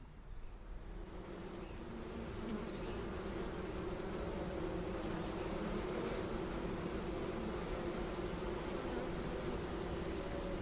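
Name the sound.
bees buzzing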